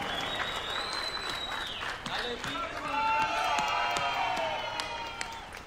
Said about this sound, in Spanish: Démosle un aplauso bonito a mi compadre